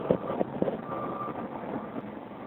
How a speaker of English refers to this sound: Get this big interchange. There's a bunch of traffic for people waiting to get into the tunnel.